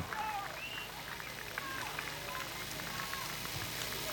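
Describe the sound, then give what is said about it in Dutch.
An audience claps steadily in a dense, unbroken wash of applause at even loudness, with faint crowd voices mixed in, applauding the tournament's best player, from Team Anderlecht. “Geeft u wel applaus, dames en heren.”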